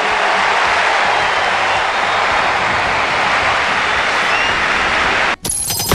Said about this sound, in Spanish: La ovación y la emoción para Messi.